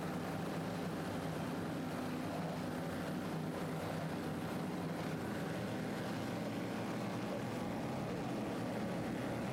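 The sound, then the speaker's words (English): A steady, dense roar of offshore racing powerboat engines as the boats line up behind the pace boat before the green flag for race number two of the second annual Daytona Harley-Davidson Offshore Grand Prix, loud and continuous with a broad low drone and no voices. “And we are raring to go here, just moments away from the green as the boats are lining up behind the pace boat.”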